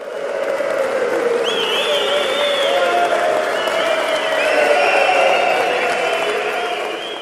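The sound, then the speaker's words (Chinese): A crowd of 100 people applauds steadily throughout, with cheers and whoops rising above the dense clapping. The sound stays loud and full from start to finish. “100个人的鼓掌欢呼声。”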